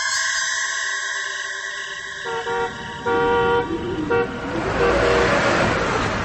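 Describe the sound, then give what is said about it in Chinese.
A canvas-covered truck travels along a street at night, its horn blaring in one long sustained blast, then several short toots, before the rumble of its engine and road noise swells as it slows at a corner. “大街上此时有一辆带篷布的卡车在夜色中行进着，车子行驶到拐弯处，车速减慢”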